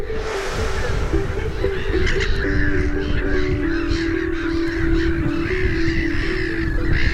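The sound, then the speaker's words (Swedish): A black-headed gull breeding colony, nesting on platforms of reed stems, in full cry: a dense, continuous chorus of harsh, overlapping squawks and screeches, steady and loud throughout with no pauses. A low, steady hum runs underneath. “När sover en skrattmås? I detta larmande kaos.”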